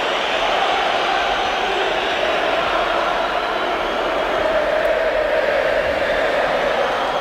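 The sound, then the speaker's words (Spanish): A large crowd at the Metropolitano stadium whistles and jeers at Julián Álvarez as he comes onto the pitch in the 66th minute, a dense, unbroken roar that stays loud and steady throughout, with no clear pauses and no distinct individual voices. “Pues esos silbidos que no dejaban escuchar su nombre y ese mensaje de la afición, ese dile que se vaya, son tan claros y contundentes”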